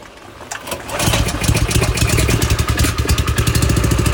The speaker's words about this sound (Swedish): Det är lite som en båtmotor nästan. Ja men precis, det är en motorpump. För att vi ska slippa ha lastbilsmotorn igång. För den drar mycket mer bränsle och mer miljöpåverkan än den här lilla motorn.